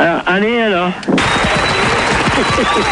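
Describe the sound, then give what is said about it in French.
A short wavering vocal sound gives way to loud, dense applause, many hands clapping in a steady crackling burst that continues to the end. “Quelques applaudissements.”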